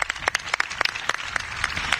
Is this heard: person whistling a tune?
no